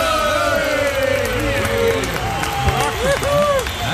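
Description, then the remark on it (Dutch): A crowd cheers and applauds steadily, with scattered whoops and shouting voices rising and falling over a continuous wash of clapping, loud throughout the whole stretch. “Hoi! Eindelijk! Fantastisch publiek.”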